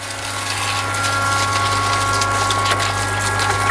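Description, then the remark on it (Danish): Steady rushing water from a sprinkler or hose runs continuously over a constant mechanical pump hum, moderately loud, with no one speaking, as plants are watered at a plant centre in Rønne. “Ja, som man kan høre, så bliver der vandet herude i Liliendal Plantecenter i Rønne.”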